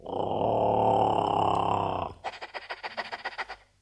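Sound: wolf growling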